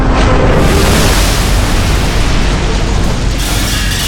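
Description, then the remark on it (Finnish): A massive 30-metre rogue wave slams into the right, starboard side of the ship München with a deep, booming impact, followed by a loud, continuous roar of rushing water that fills the whole stretch without letting up. “30 metriä korkea roistoaalto iskee Münchenin kylkeen oikealta, tyyrpuurin puolelta.”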